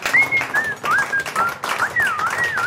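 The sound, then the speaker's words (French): A woman whistles a series of short, clear phrases, each note sliding up or down in pitch, over a constant busy, clattering background noise. “Elle siffle.”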